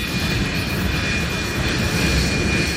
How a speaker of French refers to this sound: le départ d'un avion